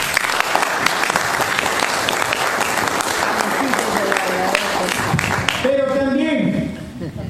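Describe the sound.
A crowd applauds loudly and steadily with dense, continuous clapping, then the clapping thins as a voice begins speaking near the end.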